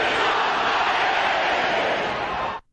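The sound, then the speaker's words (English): A large crowd at a hockey game cheers in a loud, steady roar of many voices, holding at full volume for a few seconds before cutting off abruptly. “Were you a part of the crowd? Oh, yeah. I recorded it, and here's what it sounded like.”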